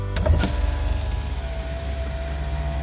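A car's electric window motor whirs steadily as the glass rolls down to let in fresh Sunday morning air, a continuous mechanical hum lasting a few seconds with a brief clunk at the start and no voices.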